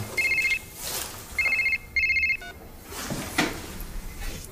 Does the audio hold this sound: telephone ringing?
yes